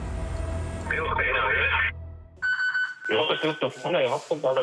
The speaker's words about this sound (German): Alarm bei der Bergwacht Greinau.